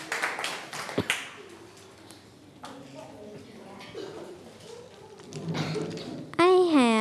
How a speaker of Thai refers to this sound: เอาปรบมือเพื่อนหน่อยครับ